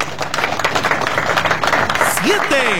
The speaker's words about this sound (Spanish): Recibámonos con un fuerte aplauso.